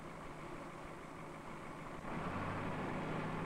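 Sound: heavy machine engine idling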